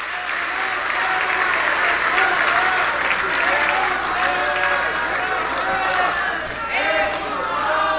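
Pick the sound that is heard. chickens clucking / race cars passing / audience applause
audience applause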